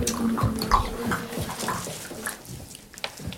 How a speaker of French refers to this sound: À peine le bruit d'une eau.